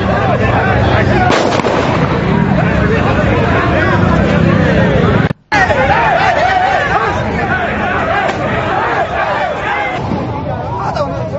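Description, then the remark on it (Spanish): A loud, dense crowd of fans and players shouts and clamors throughout in a clash with police after a match in Luque, with a few sharp, booming pops of rubber-bullet shots cutting through the din and a brief cutout midway. “Este tiene el audio y nada de los disparos con balines de goma.”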